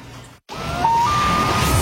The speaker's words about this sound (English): Sound of the Loon means it is time for Cottage Country Traffic on the Nines